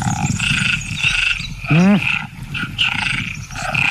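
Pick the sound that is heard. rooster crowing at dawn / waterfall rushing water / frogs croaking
frogs croaking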